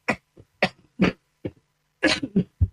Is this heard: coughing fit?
yes